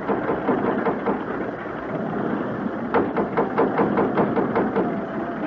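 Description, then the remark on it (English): Ship engines labor with a loud, steady rumble in rough water as the ship runs into a storm, and a rapid run of heavy knocking thuds surges in over the second half as they strain. No one speaks. “Those engines sound like the stern's coming clean out of the water.”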